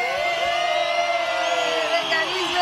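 A crowd applauds steadily with dense, continuous clapping, mixed with cheers and whoops rising and falling above it for a few seconds.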